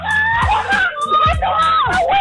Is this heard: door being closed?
no